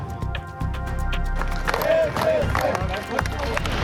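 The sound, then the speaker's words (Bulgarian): A crowd of party supporters applauds, greeting a party deputy chairman at the Interior Ministry, with steady, dense clapping that carries on throughout, mixed with indistinct voices and cheering in the background. “След няколко часа в МВР симпатизанти на партията го посрещнаха с аплодисменти.”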